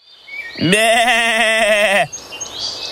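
A goat gives one long, loud bleat lasting about a second and a half, rising at the start and then holding a shaky, quavering tone before stopping abruptly; faint background noise follows.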